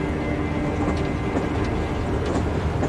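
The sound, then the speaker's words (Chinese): A train runs steadily on the rails, a continuous loud rumble with dense low clatter and faint rattling throughout, heard from on board the train, with no voices. “昨天还在排堂会，今天就在火车上，像做梦。”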